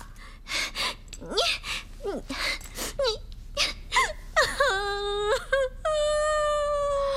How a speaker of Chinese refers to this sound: 你 哎，你哭什么呀？你别哭啊，有话说呀，不许哭。求求你别哭行不行啊，咱有话好好说好不好？求求你别哭